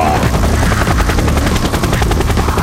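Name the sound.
helicopter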